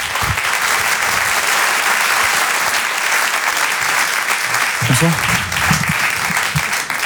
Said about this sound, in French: Je vous demande un tonnerre d'applaudissements également, s'il vous plaît, pour Haroun.